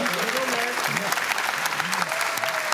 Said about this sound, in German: Da hat er jetzt mal eine Frage falsch gemacht. Da können Sie ruhig mal klatschen.